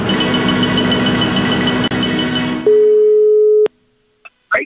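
A steady telephone ringback tone sounds once for about a second, loud, right after a burst of heavy rumbling noise, as a call is placed to a farmer at 10 in the morning; then the line falls quiet apart from brief faint clicks.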